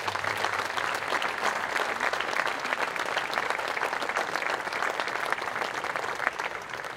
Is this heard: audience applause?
yes